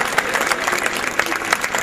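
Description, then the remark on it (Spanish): A crowd applauds steadily, a dense patter of many hands clapping at an even, fairly loud level throughout, with no voices standing out. “Mierda, creí que no iban a aplaudir.”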